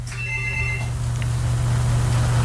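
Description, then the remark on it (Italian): A telephone rings briefly at the start, a short electronic trill that stops after under a second, leaving a steady low hum and hiss. “Nel frattempo rispondiamo al telefono.”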